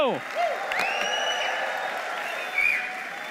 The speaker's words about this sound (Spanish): Y quiero que recibamos a nuestro pastor G con un aplauso al Señor por su vida.